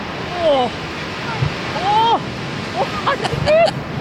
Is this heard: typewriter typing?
no